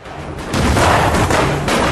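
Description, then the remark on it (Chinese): A single distant gunshot goes off after a brief quiet moment, its crack swallowed into a broad, rumbling roll that lingers steadily to the end. No voices are heard. “忽然远处传来一声枪响，蒋作斌忙问： 什么声音？”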